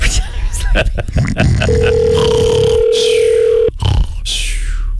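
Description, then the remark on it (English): A steady electronic phone ringback tone on an outgoing cold call placed live on the radio sounds clearly for about two seconds over a busy, noisy background with muffled voices. “To cold call people. What's ringing?”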